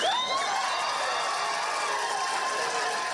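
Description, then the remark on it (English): A packed room erupts in cheering and applause as the Russell County Board of Supervisors votes unanimously to halt landfill negotiations, a loud, steady wash of clapping with a few high whoops rising at the start, sustained for several seconds with no clear speech. “Moss 3, which led the movement against the landfill, achieved victory when the Russell County Board of Supervisors voted unanimously to halt landfill negotiations to a room full of cheers and applause.”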